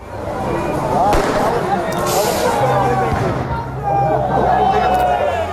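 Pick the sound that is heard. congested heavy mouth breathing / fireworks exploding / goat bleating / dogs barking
fireworks exploding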